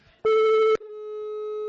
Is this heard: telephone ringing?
yes